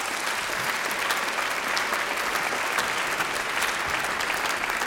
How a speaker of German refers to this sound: Applaus